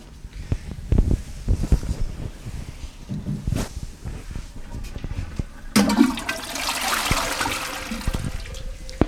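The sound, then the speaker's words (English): A toilet flushes away wine in concentrated form: a sudden loud rush of water starting midway after some scattered clattering and handling noises, then settling into a steady gurgling swirl as the bowl drains. “But today, I'm flushing it.”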